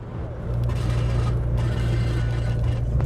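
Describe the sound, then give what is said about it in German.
An old station wagon's engine drones steadily while driving, a low rumbling hum with a constant tone, rising slightly in level after the first half second and then holding steady. “Unterwegs macht dann plötzlich das Auto Ärger.”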